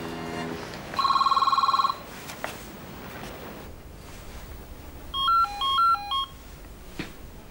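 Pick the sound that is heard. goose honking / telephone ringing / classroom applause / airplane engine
telephone ringing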